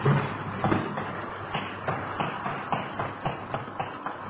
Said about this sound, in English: The door's stuck. Can you get the front one open?